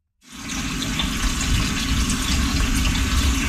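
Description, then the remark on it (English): Water gushes steadily from a tap into a pot, filled about three-quarters to be boiled with a pinch of salt for making cornbread; a continuous, fairly loud rushing stream that starts abruptly and runs without pause, with no talking. “First thing of all, we're going to boil the water 3/4 of a way with a little pinch of salt on high until it boils, okay?”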